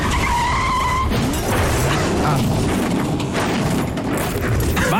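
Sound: car skidding and crashing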